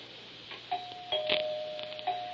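A doorbell rings with a few soft chime tones, one note lingering and humming under the next strikes, faint, with no voices; a policeman is at the door.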